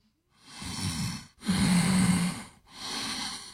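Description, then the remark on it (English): A person imitates the snorting, congested breathing of a sinus irritation response: three noisy nasal breaths in a row, the middle one loudest with a rough, rattling edge, and no talking. “That sinus irritation response, that can get to a lot of people. The breathing.”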